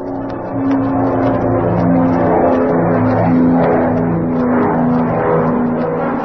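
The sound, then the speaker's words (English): A plane engine revs up as Catwoman's plane takes off from a private airfield near Chatfield, Arkansas, a loud, steady droning roar with layered humming tones that swells in after a brief quiet start. “Too late. They're taking off.”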